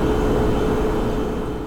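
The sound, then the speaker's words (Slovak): A steady, continuous low hum with a faint tonal whine from a refrigerator running, holding an even level throughout with no talking. “Hneď z fleku som si spomenula, že na 5 zvukov, ktoré proste sú, vieme o nich, ale ako si vypustili sme ich z hlavy v bežnom fungovaní dňa, napríklad, čo také húčanie chladničky? To je ona.”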